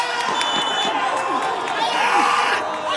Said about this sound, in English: This town takes its soccer seriously. I'm at a match for a local league, the Iraqi Qaldin League. It's the first game of the summer, and things are getting heated. One of the goalies is yelling so much, you'd think this was an actual World Cup match.